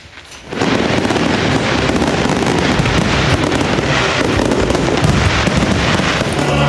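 Loud ceremonial fireworks at a military roll-call ritual on Tsar Asen I Square before Tsarevets fortress in Veliko Tarnovo, Bulgaria, marking the 118th anniversary of Bulgarian independence, erupt after a brief quiet start into a dense, nonstop barrage of crackling pops and bangs, with no voices heard.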